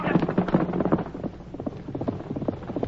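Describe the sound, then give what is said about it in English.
Horse hooves gallop in pursuit of a fleeing man in a quick, steady rhythm of thudding beats, moderately loud, continuing throughout with a low murmur of voices beneath. “Get going, horse. Get after him.”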